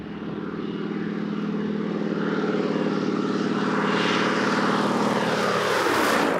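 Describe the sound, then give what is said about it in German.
A historic propeller biplane of the Howard Club of South Africa, at the Stars of Sandstone event, takes off, heard from a steam train: its engine roars steadily, a loud droning hum with a rising, rasping buzz that swells louder toward the end; no voices. “Wo sonst kann man einen startenden Doppeldecker aus dem Dampfzug heraus erleben?”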